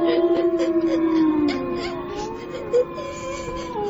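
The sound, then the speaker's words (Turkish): Several long, wavering howls overlap in a sustained chorus, their pitches sliding slowly up and down, like a pack of wolves howling together as they come toward a cave, with no talking. “Dede! Kurtlar mağaraya doğru geliyor.”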